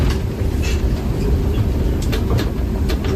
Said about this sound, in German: Stockach im Kreis Konstanz und Mengen im Kreis Sigmaringen fährt dank der Initiative eines Fördervereins die Biberbahn wieder. Zumindest in den Sommermonaten 3-mal täglich an Sonnenfeiertagen.